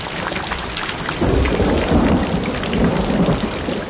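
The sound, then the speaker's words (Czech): Steady heavy rain patters and drums on the remains of a roof while low thunder rumbles throughout, growing louder and deeper after the first second. No voices. “Ostatní se k němu přidali a jak tak leželi a snili o vůni deště a jak kapky bubnovaly do zbytků střechy a všude bylo měkoučko, za chvíli usnuli.”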